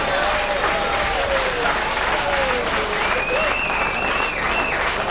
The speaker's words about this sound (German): Ja, jetzt möchte ich wissen, wofür wir den Applaus jetzt kriegen.